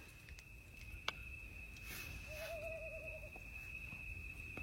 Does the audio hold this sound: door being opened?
no